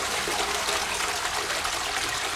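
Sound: toilet flush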